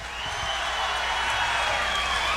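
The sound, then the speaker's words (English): A steady wash of audience applause for Mr. John Blake at a live music performance, dense and even, holding at a constant loudness for the full few seconds with no voices standing out. “Applause for Mr. John Blake.”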